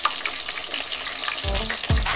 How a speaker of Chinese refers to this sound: 裹好糊的鸡脚筋下油锅炸至两面金黄，再与辣椒丝、花椒、麻椒一同爆香